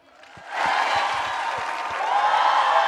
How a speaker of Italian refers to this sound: Così vuol dire un grande applauso.